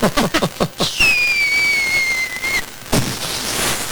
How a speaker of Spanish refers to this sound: Ah, pues llegó el momento de que la prima me truene el chiflador.